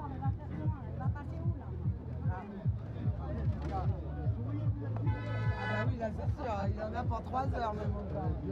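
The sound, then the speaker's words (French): Truck horns blare in a long, sustained honk from two trucks at a roadblock amid a noisy street scene, with a steady low engine rumble and a crowd of voices chattering throughout. “Qu'est-ce qui se passe ? Ah, c'est des camionneurs qui s'énervent.”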